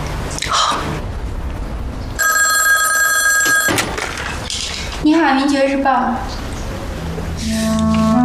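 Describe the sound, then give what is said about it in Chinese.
A telephone bell rings in a sustained, bright metallic trill for about a second and a half, then again near the end, with voices talking between the rings. “白波来电话了”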